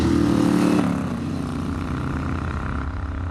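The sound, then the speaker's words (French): A Moto Guzzi 1000 motorcycle engine of about 70 horsepower drones loudly and steadily while riding on small roads, its low throbbing note easing down in pitch after the first second, with no voices. “Et là, on peut profiter du mille Guzzi.”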